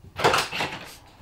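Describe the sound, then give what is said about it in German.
The rear door of an ambulance arriving at a hospital swings open with a short clattering, whooshing scrape lasting under a second, then fades into quiet background. “So, jetzt geht gleich hinten die Tür auf.”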